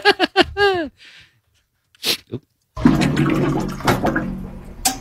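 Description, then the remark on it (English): Water glugging from a water cooler: a few short bubbly gurgles at first, then a sustained, loud, rushing gurgle of water that runs to the end. “It is exactly the glugging of a water cooler.”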